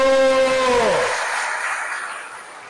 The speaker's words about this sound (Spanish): ¡Un aplauso!